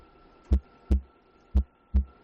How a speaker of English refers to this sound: It's a heartbeat.